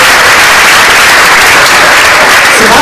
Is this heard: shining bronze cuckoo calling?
no